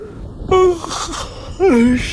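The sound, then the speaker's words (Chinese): A voice imitates a loud yawn: two drawn-out, breathy vocal swells, each rising and then sliding down in pitch, heard up close with no words spoken. “长发很响亮地打了一个哈欠，眯缝着眼问：“ 你是在喊我吗？”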